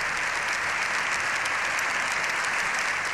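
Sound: ovation applause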